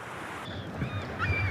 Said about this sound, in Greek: Ακούς τη θάλασσα? Μας ψιθυρίζει σιγά. Κρατήστε με καθαρή, παιδιά.